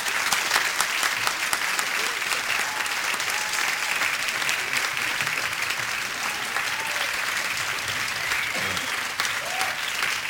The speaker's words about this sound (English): Little extra applause for you.